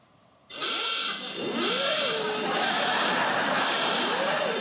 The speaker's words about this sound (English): It's a golden mole. It's not actually a mole. And it is more closely related to the elephant, which is a distant cousin.